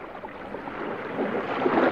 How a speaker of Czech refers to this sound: Loď si to plula po klidným moři